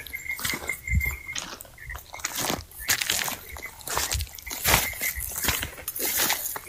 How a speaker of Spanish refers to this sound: Míralo, ¿lo sentiste? ¿Que tiró al agua? Ay, se meten hacia el agua. Algo pesado. Claro. Algo pesado se tiró al agua. Debe ser uno de ellos.